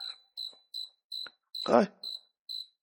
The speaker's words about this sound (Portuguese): Um grilo, aí. Eita, grilo, filho do cabelo. Já rodei aqui o estúdio todinho. Eita, não acha não, grilo.